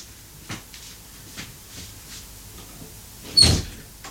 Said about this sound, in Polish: Teraz może otworzę i zamknę drzwi.